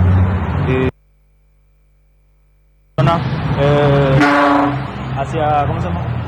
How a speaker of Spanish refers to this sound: Hacia Chucarro, la calle está hecho desastre. Los colectivos pasan, los camiones grandes así como estos pasan y destruyen toda la calle.